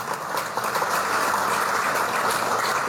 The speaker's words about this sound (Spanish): Vamos a recibirla con un fuerte voto de aplausos.